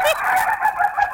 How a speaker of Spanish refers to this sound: Escucha ahí el gallo riéndose.